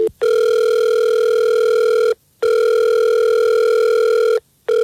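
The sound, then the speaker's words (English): A phone call placed by a morning radio show rings out: two long, steady electronic tones, each lasting about two seconds, separated by short silent gaps. Loud and clear, with no voices. “Well, let's call him and we'll see if we can get him on the phone and we'll figure this out for you.”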